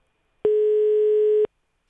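A single steady ringing tone from an outgoing phone call to a hypnotist sounds for about one second, clear and fairly loud, then cuts off into silence. No voices are heard.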